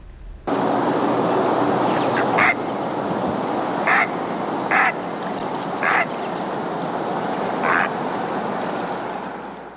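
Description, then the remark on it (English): Five short, harsh croaking squawks from a Great Blue Heron ring out at irregular intervals over a steady rushing background, like wind or moving water. “We're going to end today with the Great Blue Heron. Just a little reminder of what that dinosaur bird sounds like.”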